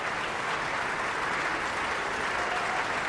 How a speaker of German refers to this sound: Michael Volle hier, der seinen Applaus entgegennimmt.